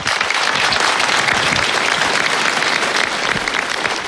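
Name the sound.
audience applauding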